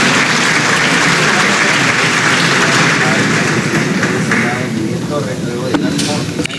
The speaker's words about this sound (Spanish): Este acto es previo a, luego él impondrá la banda presidencial a la nueva presidenta del país. Entre aplausos.